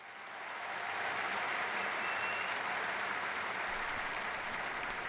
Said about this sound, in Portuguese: Os aplausos demonstram também o carinho e o agradecimento também, não só pela catequese, mas por essa viagem apostólica do Santo Padre à Espanha.